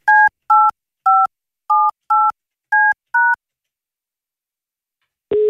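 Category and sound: signal or alarm, telephone number being dialed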